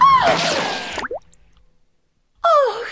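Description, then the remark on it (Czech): Two wet plops of a bullet dropping into river water, each with a quick downward gurgling tone, separated by a second of silence, fairly loud with no talking. “Kule projela násilníkovou hlavou, až bluňkla do řeky.”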